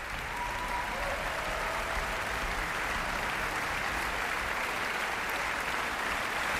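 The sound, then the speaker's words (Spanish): Sustained audience applause for an orchestra's string section, a dense steady wash of many hands clapping at an even, fairly loud level throughout, with no voices standing out. “Y aplausos también muy destacados para toda la sección de cuerda”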